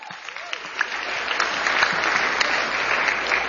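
An audience bursts into steady applause for an audience member, a dense wash of clapping that swells in the first second and holds at an even, fairly loud level throughout, with no voices on top.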